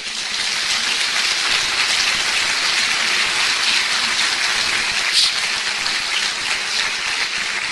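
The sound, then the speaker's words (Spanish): An audience claps steadily for several seconds as applause for God, a dense, even wash of hand claps that holds at a constant, fairly loud level without anyone speaking over it. “Den un aplauso a Él.”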